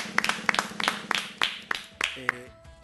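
Scattered hand claps, about nine sharp crisp slaps at an uneven brisk pace, fairly loud over a low murmur; a brief humming voice enters as the clapping stops.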